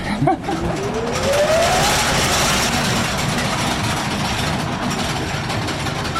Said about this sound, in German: Und wir haben hier eine sogenannte Schremmmaschine, die hat sozusagen einen Schlitz in das Kohleflöz geschnitten, damit die Kohle besser rauszubrechen war, also besser abzubauen war. Muss man jetzt die Ohren zuhalten? Besser wäre.